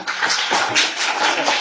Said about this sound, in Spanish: Lo recibimos un fuerte aplauso.